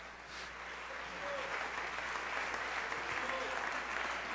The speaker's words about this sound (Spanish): Amén. Amén. Démosle una ofrenda de aplausos al Señor.